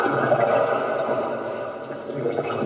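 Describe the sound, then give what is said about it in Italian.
A steady, dense wash of sea and deep-ocean sound recorded with an acoustic echo sounder, a muffled churning rush that stays fairly loud and unbroken for the whole few seconds, with no voices. “Tra arte e scienza ascoltiamo il suono del mare e degli abissi, ottenuto attraverso un sondatore acustico.”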